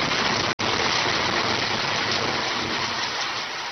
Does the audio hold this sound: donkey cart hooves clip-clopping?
no